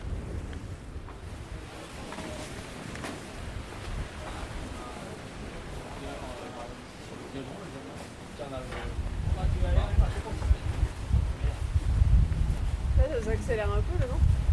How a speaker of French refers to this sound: Ça accélère un peu le vent. Ouais, ça va rentrer tout ce moment là, c'est bien. De toute façon, dès qu'on va vers le Finistère, il y a plus de vent.